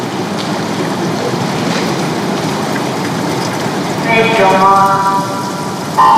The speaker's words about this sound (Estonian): Ja vette on hüppanud meeste kolmas vahetus 50 meetri vabaujumisest. Teame, et Danieli start on maailma klassist ja seda ta praegu ka näitas.